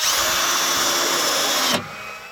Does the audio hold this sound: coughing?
no